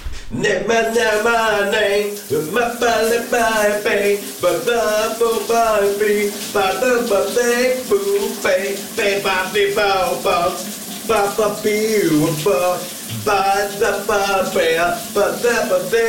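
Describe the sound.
A man sings a loud, wavering melody in the morning over the steady hiss of running shower water, his voice echoing, phrases rising and falling continuously with brief pauses for breath.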